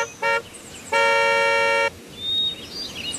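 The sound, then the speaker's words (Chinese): Two car horn honks from an arriving convoy of cars, a short beep followed by a long sustained blast, loud, with faint background noise and a few chirps afterward, at burned ruins on the outskirts of Nanjing. “过了一会儿，随着几声汽车的鸣叫，中村率领着车队赶了过来。”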